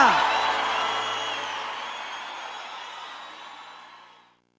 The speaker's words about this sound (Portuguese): Uma salva de palmas pra vocês, Goiânia!